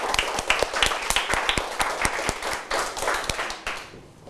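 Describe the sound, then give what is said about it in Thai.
A group of students in a classroom applauds everyone at the teacher's request, many overlapping claps forming a steady, fairly loud patter that fades out near the end, with no talking. “อุปสรรคในการเดินทางแล้วก็ขนของหนักปรบมือให้กับทุกคนด้วยนะครับ”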